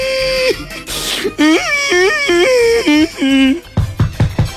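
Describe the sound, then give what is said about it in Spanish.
An adult voice mimics a child's bawling: a long wailing cry, a sharp gasping breath, then several rising-and-falling sobbing wails, ending in short choppy sobs, loud. “Imagínate pues que llega el peladito llorando a la casa.”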